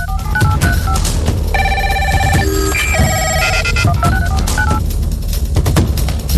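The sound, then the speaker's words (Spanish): A rapid sequence of telephone dialing tones, steady beeps stepping through different pitches, then a ringing telephone, all over a dense, loud background bed with no speech. “honramos el invento que logró conectar al mundo entero.”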